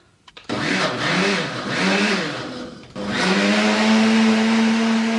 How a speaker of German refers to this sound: Ja, also zuerst wieder die eingemachten Johannisbeeren. Zum Pürieren. In den Mixer. In den Mixer. Mit Apfelsaft, mit oder?